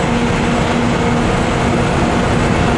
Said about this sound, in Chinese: 就是你冲上来救我的那架飞机。